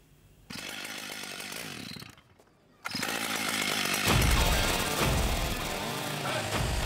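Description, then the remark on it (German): A chainsaw engine roars, revving briefly, dropping to near silence, then surging back into a loud, sustained cut through a solid oak trunk four metres long and 80 cm thick, with a heavy, buzzing drone, as a chainsaw artist carves wild boars from it. “Georg Maurus macht Kunst mit der Kettensäge.”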